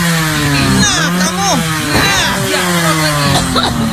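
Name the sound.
motorcycle engine revving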